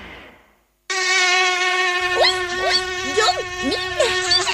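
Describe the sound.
A loud mosquito whine starts abruptly after a brief voice and a moment of silence, then drones steadily with small wavering shifts in pitch until the end.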